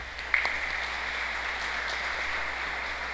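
A crowd at a school event applauds a student being called up, a steady, dense wash of clapping that holds an even level throughout, with one brief sharper accent near the start and no voices.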